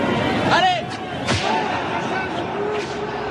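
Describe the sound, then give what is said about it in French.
A single sharp whip lash, given as a flogging punishment, cracks out loud midway over a steady noisy background with voices murmuring faintly. “La peine habituelle est de 50 coups de fouet.”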